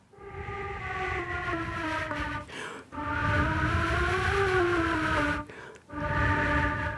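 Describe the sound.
A flute plays long, sustained notes that waver and bend slightly in pitch, imitating soft wind, in three breathy phrases separated by short pauses, with no voices.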